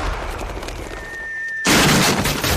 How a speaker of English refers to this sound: He's firing his recent furniture purchase from the cannon to his house.